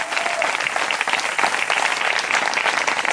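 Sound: audience applauding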